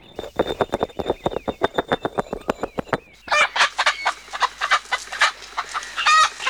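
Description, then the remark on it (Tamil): Native country chickens, bought to be raised at home, cluck, first in a quick run of short rhythmic clucks, then a busier, overlapping chorus of higher squawks and calls from several birds. No one speaks. “நாட்டுக்கோழிலாம் வாங்கியிருக்கீங்க போல இருக்கு.”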